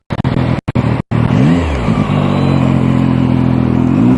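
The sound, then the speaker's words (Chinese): A loud motorcycle engine revs in a few sharp, choppy bursts, then holds a steady throbbing growl with its pitch rising and falling slightly; no one speaks. Illustrates the street racing, loud revving and illegal modifications that Shunyi traffic police crack down on during the gaokao exams. “记者了解到，高考期间，顺义公安分局交通管理支队还聚焦考点周边居民密集居住区、城市主干道等重点区域，严查飙车炸街、非法改装等违法行为。”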